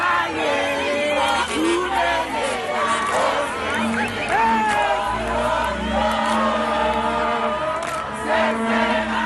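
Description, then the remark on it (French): A crowd of football fans in Johannesburg celebrating a historic first-ever qualification at dawn, with many overlapping voices shouting, whooping and chanting in a loud, steady roar that carries on throughout without a break. “Qualification inédite, historique, et c'était la fête ce matin à l'aube à Johannesburg.”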